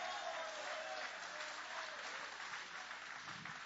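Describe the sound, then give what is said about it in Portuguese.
An audience at a church service applauds in worship at the end of a sermon, a dense wash of many hands clapping at a fairly even loudness throughout, with no distinct voices rising above it. “Pode aplaudir, pode adorar, pode glorificar.”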